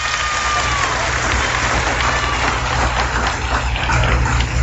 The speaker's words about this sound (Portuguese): Dá um aplauso para Jesus, dá.